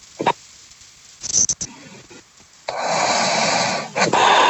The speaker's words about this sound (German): Oh, die ist gar nicht mehr da. Hat die gerade geschnarcht? Ich glaube, die ist eingepennt.